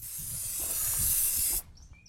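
A steady aerosol hiss as starting fluid is sprayed into an engine to help it start, lasting about a second and a half, then cutting off abruptly, leaving faint background noise.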